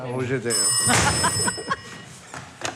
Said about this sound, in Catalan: Ai, el telèfon. Ui. Ja l'agafo.